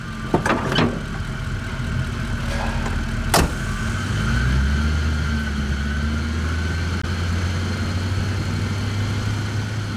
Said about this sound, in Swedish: Han trycker på startknappen. Den stora motorn går igång med ett mullrande ljud.